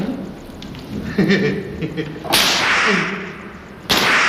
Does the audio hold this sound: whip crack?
yes